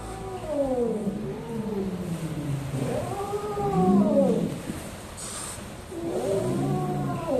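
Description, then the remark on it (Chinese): A wild kitten that turned up at a herder's home in Menyuan County calls out three times, each cry a drawn-out, wavering wail rather than a house cat's meow. The calls are fairly loud, with no one talking. “跟咱们家猫的声带不一样，它不会发出那种家猫一样喵喵的声音。”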